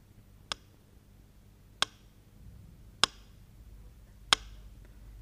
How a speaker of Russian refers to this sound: Вот так стучал метроном в те редкие часы, когда в городе было спокойно. Но он становился частым и тревожным, пульс метронома, когда над крышами свистели бомбы, а на улицах рвались снаряды.